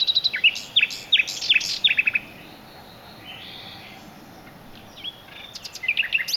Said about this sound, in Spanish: La serenata del ruiseñor al anochecer es una romántica llamada para atraer a la hembra.